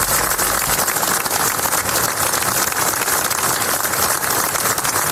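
Sustained applause from a large crowd concluding a memorial act led by Generalitat president Salvador Illa, in remembrance of the boys, a dense, steady wash of many hands clapping at an even loudness throughout, with no voices rising above it.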